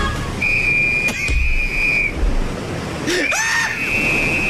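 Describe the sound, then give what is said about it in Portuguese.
Two long, shrill blasts from a life-jacket whistle ring out over a steady rush of water noise. The second blast wavers and swoops before holding its pitch. “Ah, o colete salva-vida, pega o apito!”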